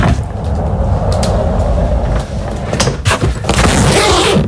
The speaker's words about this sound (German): Ja, das ist dein Rollkoffer. Du bist mit deinem Koffer entlang gerollt und hast ihn dann aufgemacht.